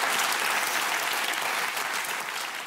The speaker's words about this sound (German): Das ist toll, was Sie machen. Und wir klatschen für Sie, was Sie geschafft haben.